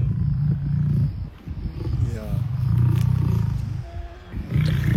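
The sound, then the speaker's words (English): A voice imitates a lion's purr with deep, rumbling growls in several sustained bursts, loud, with a brief spoken word in between. “You know when a lion is just like purring, like this.”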